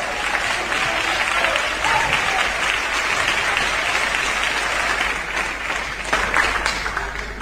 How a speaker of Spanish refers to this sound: Tomen asiento, amados hermanos, y denle un aplauso precioso al Señor.